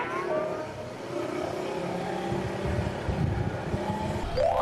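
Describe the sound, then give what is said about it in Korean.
A delivery motorcycle carrying food orders on its first delivery run hums steadily as it rides along, wind and road noise filling the background, with a rising whine near the end as it revs up. No one speaks. “목적지는 멀었는데 선배님이 갑자기 오토바이를 세웠습니다.”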